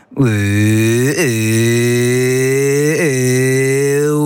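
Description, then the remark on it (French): A voice mimics an engine with a loud, low, buzzy drone held steadily for about four seconds, its pitch briefly dipping and lurching twice, like a motor revving, with no words spoken; it is a vocal warm-up sound made before acting, from which a character's voice was developed. “Et d'ailleurs, la voix, elle, alors c'est bizarre de dire ça, mais elle vient d'un bruit de moteur.”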